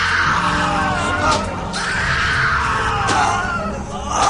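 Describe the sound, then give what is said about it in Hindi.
A man screams and groans in pain amid sharp cracking cane strikes, his cries loud and sustained over a dense, noisy background with a few sudden impacts; a prisoner being caned by the British in a jail. “हाँ, पर हर बेत के साथ सिस्कारी भी तो निकल रही है। वो तो निकलेगी ही ना। और वो तो देखो हमारा वो साथी कितना चिल्ला रहा है।”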